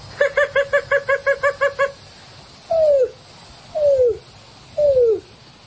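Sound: greater roadrunner call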